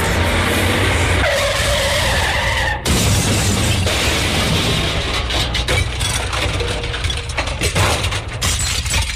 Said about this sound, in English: What are we stopping on this lonely road for? Gee, it looks like my car's out of gas.